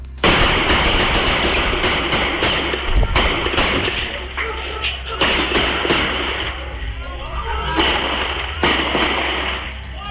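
At 22:28 in a passage in Cerro Rodelillo, repeated gunshots are fired from a vehicle during a shootout. Sharp bangs go off at irregular intervals over a steady rumbling, engine-like background, echoing through the passage.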